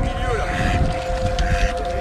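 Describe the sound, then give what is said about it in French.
A steady motor hum with a sustained whine of a passing boat on the water, mixed with wind rumble against the microphone and faint voices in the background. “Bah là, il y a le bateau.”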